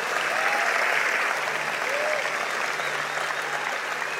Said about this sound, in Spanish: Vamos, alguien que dé un aplauso al Señor por eso. Vamos, si lo vas a hacer, hazlo fuerte.